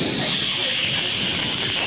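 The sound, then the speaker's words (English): An aerosol deodorant can with a stuck spray nozzle that will not shut off sprays in one continuous, bright hiss, steady in loudness for the whole moment, with no voices over it. “I was putting on some deodorant, and my spray nozzle stuck.”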